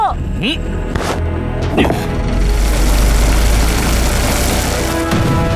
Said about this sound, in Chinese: 刚刚世界首艘宇宙洗衣飞船小鸡三号成功发射升空。